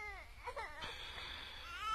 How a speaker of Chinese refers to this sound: 小乔，你听，什么声音？ 好像是婴儿哭啊。